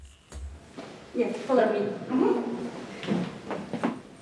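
Wooden floorboards creak underfoot in a series of drawn-out, groaning squeaks, moderately loud, with a few soft footfall knocks between them, on the way through the Russian theatre in Riga, Latvia.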